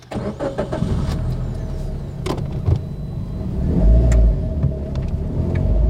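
Inside a moving car: a steady low engine rumble and road drone fill the cabin, with a few clicks and brief mechanical whirs, and a heavier rumble swelling near the end.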